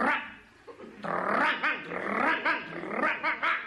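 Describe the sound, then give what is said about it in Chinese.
A person imitates a dog greeting neighbours at the entrance of an alley, growling low and then letting out a run of loud, rhythmic barks and yaps, lasting a few seconds with no other talk. “他这么一叫啊，您再看小孩不哭了， 嗯， 大人不喊了，一个个蔫溜蔫溜全回自个儿院。”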